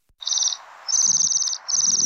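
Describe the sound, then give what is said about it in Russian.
Waxwings, visiting northern birds, trilling: three bursts of high, thin, buzzy trills with short pauses between them, clear over a faint low rumble. “Это наши гости, северные птицы, свиристели.”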